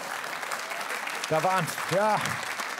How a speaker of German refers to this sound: Da klatschen die Alkoholiker.